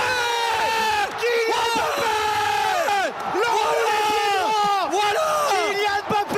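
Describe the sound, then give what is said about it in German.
A football commentator yells at full strain at a World Cup semifinal between France and Spain, his voice cracking and soaring, over the constant loud roar of a stadium crowd that never lets up. “Die Stimme überschlägt sich, es ist Halbfinale bei der Fußball-WM.”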